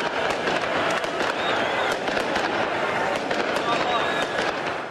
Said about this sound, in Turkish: Taraftarlar da 21. şampiyonluğu Milano'nun ünlü Duomo Meydanı'nda kutladı. Son 3 sezonda ikinci kez zirveye çıkan lacivert siyahlılar, meşaleler ve havai fişeklerle geceyi aydınlattı.